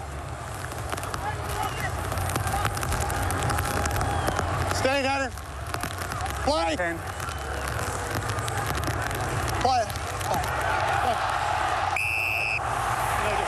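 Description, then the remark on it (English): Steady, dense hiss of heavy rain fills the whole recording, with a few short shouted voices cutting through and a brief high-pitched tone near the end. “But also when you listen to this, just keep an ear out for the rain. Yeah, the rain's so heavy.”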